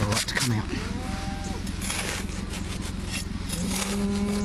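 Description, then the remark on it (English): Cattle low on a cattle farm at the foot of Mount Buffalo in Buffalo Creek on a cold, wet, foggy morning, with a deep moo near the start and another drawn-out moo near the end, set against a steady, noisy outdoor background. “I'm on a cattle farm at the foot of Mount Buffalo, although you can't even see it as it's hidden behind fog.”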